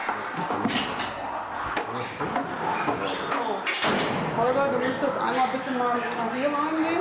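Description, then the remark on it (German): A door at a large animal enclosure is pushed shut with a sharp thump partway through, amid scattered clattering and rustling, while people talk. “Dass wir hier die Tür zu haben, sonst haben wir die hinter dem großen Gehege stolzen. Tür ist zu.”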